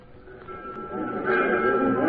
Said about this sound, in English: stood on the platform of the local railroad station shortly after the afternoon train pulled in.